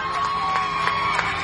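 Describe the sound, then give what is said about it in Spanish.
A crowd cheers and shouts continuously, celebrating Argentina after a World Cup final, a dense wall of excited voices with a few sharper yells poking through, loud and sustained throughout. “Sí, gritaron que salen del avión.”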